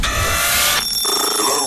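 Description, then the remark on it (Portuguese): A loud, shrill telephone ring with a bright metallic bell-like tone, filling the short clip on its own, its pitch and texture shifting partway through. No one speaks. “Vamos ao telefone, mais uma vez.”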